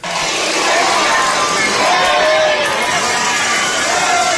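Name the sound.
distant crowd shouting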